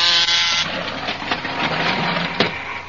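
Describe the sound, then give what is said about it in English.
A harsh electric door buzzer, pressed to let visitors into a laboratory in the radio show Tom Corbett and the Space Cadets, drones loudly and steadily for about three seconds, a raspy, even buzz with no voices over it. “Here, I'll press the buzzer so you can go into her laboratory.”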